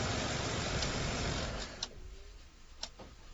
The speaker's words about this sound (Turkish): Yok. Olamaz. Teksas plakalı. Teksas plakalı bıyık marka bir yeşil araba.